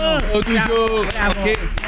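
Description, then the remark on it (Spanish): Scattered hand claps of a requested spontaneous ovation for Lionel Messi ring out at an uneven rhythm beneath prominent voices that hum and call out over them, moderately loud. “Yo las ovaciones, espontáneas, ¿sí? Que aplaudan.”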